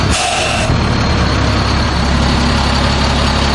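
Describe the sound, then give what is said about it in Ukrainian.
A new military truck's heavy engine idles, a steady low diesel rumble with a faint hiss at the start, running continuously for a few seconds with no one talking. “Зауважень до неї немає, вона їде, ну, надійно. Надійно по проходимості, по всьому.”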